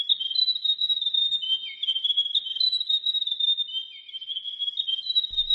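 A grey warbler sings a thin, high, wavering trill that rises and falls continuously for several seconds, clear and steady with no voices, ending with a faint low thump.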